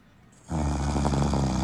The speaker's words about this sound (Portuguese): se tu adivinhar, Luizinho, quem que é o roncador